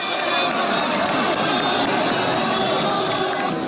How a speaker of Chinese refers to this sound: 当白色雄鹰一记高鞭腿精准命中斗牛士的头部时，全场爆发出震耳欲聋的欢呼。